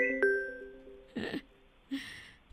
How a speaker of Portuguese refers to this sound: Quem tá ligando? É a Mariana, não. Esse telefone não é da Mariana.